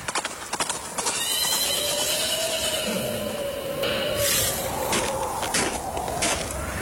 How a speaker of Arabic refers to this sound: شايف فارس على خيل سودة جاي علينا